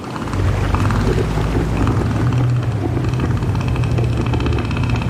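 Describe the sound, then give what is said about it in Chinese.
A deep, loud, rumbling roar from a male northern elephant seal inflating its huge nose to warn other males away from its territory, heavy low pulsing tones sustained for several seconds, powerful with a rough, engine-like texture; the call carries several hundred meters. “它们鼓起巨大的鼻子，发出低沉而响亮的吼声。”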